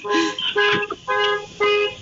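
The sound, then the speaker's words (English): A car alarm, thought to be on a blue car parked in front of a house, blares in repeated harmonic honking bursts, about four evenly spaced blasts in quick succession, loud, with no voices over it. “Yes, someone's car alarm is going off somewhere.”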